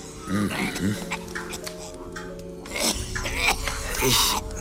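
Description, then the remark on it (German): A man standing motionless at the edge of the Teufelsmoor at dusk coughs strangely and eerily: several harsh, rasping bursts spaced irregularly across a few seconds, heard over a steady low droning hum. “Ich konnte ihn husten hören, was sehr, sehr ungewöhnlich klang.”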